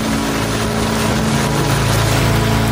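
A steady, loud rush of ocean surf fills the whole moment, broad and constant with a deep underlying rumble, no voices over it.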